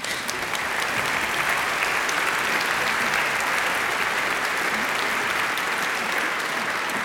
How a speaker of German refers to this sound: Applaus.